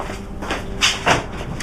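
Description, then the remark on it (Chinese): A door is slammed shut as someone storms out: two quick, sharp knocks in close succession, with no voices. “居然就摔门出去了。”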